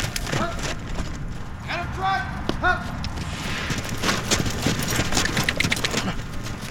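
Hooves clip-clop in an irregular rhythm over a busy outdoor background, with several police officers' horses moving at a walk during training in Cleveland, the clatter fairly loud and continuous throughout.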